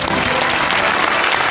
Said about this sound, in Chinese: 哦，单打的世界冠军丁宁最年轻，我们应该为他鼓鼓掌哈。